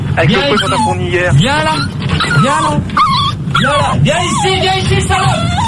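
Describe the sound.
A small dog whimpers and yips almost continuously, high-pitched whines rising and falling in quick succession, close and fairly loud, with a person's voice talking underneath.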